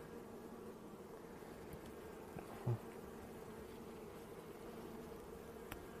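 A steady, low drone of many honeybees buzzing together around an open, recently split hive as someone works between the frames and takes out an already opened queen cage; continuous and fairly soft throughout, with one brief dull knock partway through and no voices.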